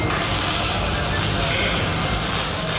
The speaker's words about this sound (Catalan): Aquest és el so que se sent quan es desmunta un tren de Rodalies. Se li treuen les portes i els seients, es reparen els diferents elements que formen els vagons i es torna a col·locar tot en el seu lloc.